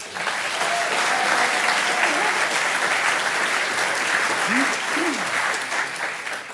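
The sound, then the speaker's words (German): An audience claps steadily throughout, voting by applause for and against gendered language, with both sides clapping at once. It is a dense, continuous wash of applause at even loudness, with a few faint voices calling out beneath it. “Wir machen das komplett gleichzeitig, also bitte, wenn ihr einmal dafür ist und wer dagegen ist, bitte klatschen.”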